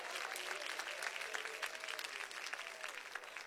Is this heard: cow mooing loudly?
no